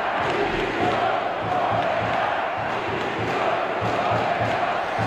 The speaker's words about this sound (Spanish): Gritos de dimisión hacia Corberán, que no sé si es el principal responsable, pero es algo que desde fuera llama mucho la atención